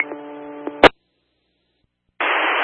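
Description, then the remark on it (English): A two-way radio gives a brief harmonic buzz that ends in a sharp click, then a pause before a loud, steady burst of band-limited hissing static cuts in. “Everyone, can you copy? Mostly static.”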